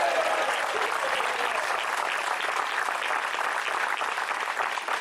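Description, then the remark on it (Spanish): A church audience applauds the Lord together in sustained, dense clapping at a steady loudness for several seconds, with no voices standing out. “¿Alguien se une a él a darle un aplauso al Señor?”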